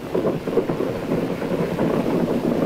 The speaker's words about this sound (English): Hot tracer lines are coming up almost all around us, off the stern and off the side toward the French coast. Flares are coming down now. You can hear the machine gunning.